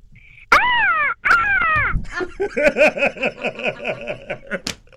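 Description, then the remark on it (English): A five-year-old child from Durban imitates a hadeda ibis: two loud, drawn-out honking cries, then a quick run of a dozen or so shorter cackling calls, with no other talk. “Do those hardy does make noises outside your window every morning?”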